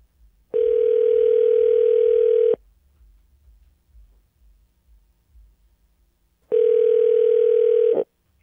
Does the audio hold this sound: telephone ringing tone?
yes